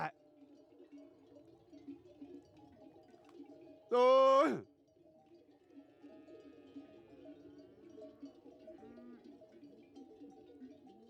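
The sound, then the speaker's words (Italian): A single loud sheep bleat rings out over a steady background of a flock of sheep on transhumance milling about, with a continuous murmur of bleats and clanking livestock bells. “Mo sono avviato, vanno per fatti loro tranquillamente, non ci sono più problemi di gridare, se l'accolgono solo adesso.”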